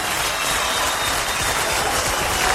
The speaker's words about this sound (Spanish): Un aplauso muy grande para los santellinos aquí.